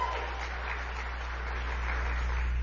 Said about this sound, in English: I want to thank your state chair, the one and only Danielle Monroe Moreno. Give her a great big round of applause.